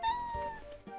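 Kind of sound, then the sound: animal, cat meowing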